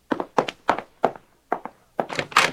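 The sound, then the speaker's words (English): Firm knocking on a wooden door: a run of four even raps, a short pause, a double knock, then a louder, quicker flurry of knocks at the end. “Now, who could that be? If you'd open the door, you'd probably find out.”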